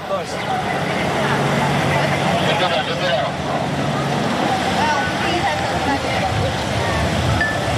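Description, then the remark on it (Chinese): Steady, dense weekend road traffic of self-driving tourists, with vehicle numbers up from a usual 10,000 to 16,000: a continuous wash of car and truck engine rumble and tyre noise at moderate loudness, with indistinct voices faintly mixed into the background. “今天是周末，自驾车流从平日的10000台猛增到16000台。”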